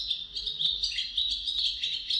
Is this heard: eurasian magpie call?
yes